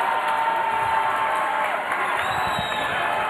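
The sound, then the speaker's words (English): A crowd at a Pop Darts championship event cheers and applauds in a steady, dense roar of clapping and shouting that holds at full volume for a few seconds, with a few whoops rising above it. “This crowd, they have come to cheer, and they love their Pop Darts.”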